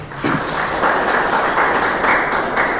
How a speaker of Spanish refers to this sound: Vamos a darle un fuerte aplauso al Señor y a su palabra.